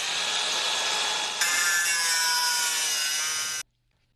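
A loud electric angle grinder cuts into metal with a steady, harsh whine. It shifts to a brighter, higher-pitched screech partway through, then cuts off abruptly. No one speaks.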